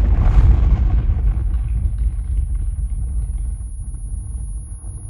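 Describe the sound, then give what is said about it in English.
A loud explosion of buried mines blowing up a pile of supplies bursts out at once, then rolls away into a long, deep rumble that slowly fades over several seconds, with no voices. “The fiery blast obliterates the supplies and knocks Katniss off her feet.”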